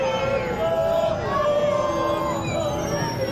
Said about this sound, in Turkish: Mesa kasabasında konaklayacakları otele geçen millilerimizi, ellerinde Türk bayrakları olan çocukların da yer aldığı coşkulu bir taraftar grubu tezahüratlarla karşıladı.